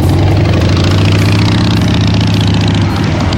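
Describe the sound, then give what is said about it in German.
A motorcycle engine idles loudly, a steady low rumble with a throbbing pulse that holds unchanged throughout, with no voices. “Wir tauschen den Anzug gegen die Kutte und starten raus in die Rockrepublik, zum Beispiel im Sattel.”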